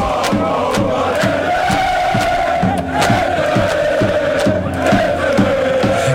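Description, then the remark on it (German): German football fans at Times Square in New York, ahead of Germany's match against Ecuador at about 26 degrees, chanting and cheering together loudly, rhythmic shouted chants with steady claps or beats repeating throughout, a dense continuous roar of many voices. “Und die deutschen Fans vor Ort, die sind sowas von ready. So klang's mitten am Times Square in New York.”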